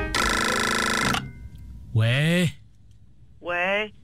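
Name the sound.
telephone ringing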